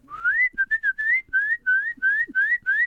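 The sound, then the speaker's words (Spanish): A small bird whistling: about eight short, clear tweets in quick succession, each a bright mid-high note gliding slightly upward, repeated steadily and fairly loud with no talking. “Entonces, en ese momento, andaba por ahí un pajarito.”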